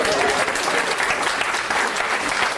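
An audience claps steadily, a dense wash of many hands at an even, fairly loud level with no voices standing out.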